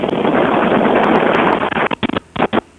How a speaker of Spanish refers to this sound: Aquí está este precioso ventilador, 498 pesos, cheque.